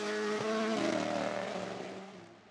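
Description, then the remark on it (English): A rally car driven by Sebastian Ogier on a rally stage drones steadily with strong harmonic tones, rising slightly in pitch as it drives along, then fading away toward the end. No voices are heard. “Look how mechanically sympathetic he is with the car. He's never overdriving it.”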